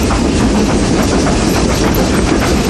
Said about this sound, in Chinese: 世界上最后几列仍在运营的蒸汽机车，执着地奔驰在历史中。